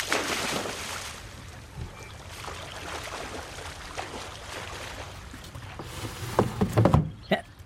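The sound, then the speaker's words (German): Steady watery sloshing and rushing runs throughout, then a sudden burst of loud, churning splashes near the end as a person jumps into the water to fetch a fishing rod, before the sound drops away abruptly. “Moment, dann springe ich kurz ins Wasser und hole die Angel wieder rein.”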